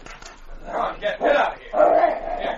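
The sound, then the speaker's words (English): A dog trying to get in at a door whines and barks in a few drawn-out, pleading bursts, moderately loud, with short pauses between each cry. “Well, it's a dog trying to get in.”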